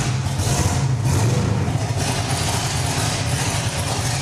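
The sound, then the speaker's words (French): In a demonstration, a car's air suspension raises the vehicle, which has 11-inch front and 15.5-inch rear wheels: a steady low mechanical drone layered with a broad airy hiss that runs evenly for several seconds, with no one speaking. “Tu peux me faire une démo de levée de la voiture pour voir?”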